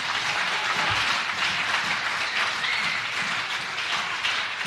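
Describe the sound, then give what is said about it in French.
Steady, dense applause for God: many hands clapping together at a constant loud level for the full few seconds, with no voices over it. “Je vais applaudir bon Dieu pour ça.”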